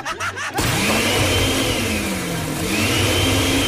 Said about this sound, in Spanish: No, nada más preguntaba, oye, ¿serás tan amable de por favor prender la licuadora? Ah, claro que sí, papi, permíteme tantito.